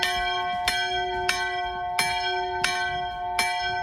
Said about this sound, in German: Hört man nicht so oft, wenn Sie jetzt an so ein Schiffshorn gedacht haben. Nee, das ist die Glocke der Flussschifferkirche. Deutschlands einzige schwimmende Kirche übrigens